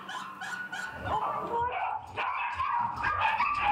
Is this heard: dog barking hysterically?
yes